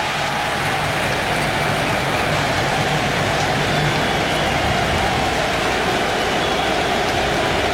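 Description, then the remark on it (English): A large stadium crowd at a World Cup match rises to salute departing Canada player Ismail Kone, applauding in a loud, steady wash of dense clapping and cheering that holds without a break for several seconds, with no voices speaking over it. “But the crowd rises to salute Ismail Kone.”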